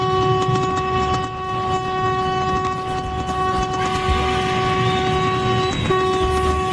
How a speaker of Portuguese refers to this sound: Que buzina feia essa, não? Que buzina feia, meu.